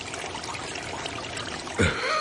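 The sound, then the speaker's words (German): A babbling brook trickles steadily, a continuous soft bubbling of running water, with a brief louder gurgle near the end. No voices are heard. “Sie machten sich auf den Weg und kamen an den Bach.”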